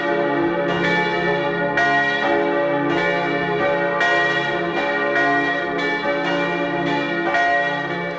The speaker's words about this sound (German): Es ist 12 Uhr. Sie hören die Glocken der Kirche zum heiligen Antonius in Mellau in Vorarlberg.